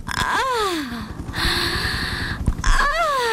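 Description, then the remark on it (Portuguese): Loud wheezing and snorting gasps, like someone in an asthma attack: strained squealing inhales that slide downward, broken by a long raspy, whistling breath, with no talking. “Já deu! Oi, asma.”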